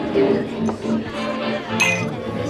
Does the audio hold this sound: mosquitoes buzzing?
no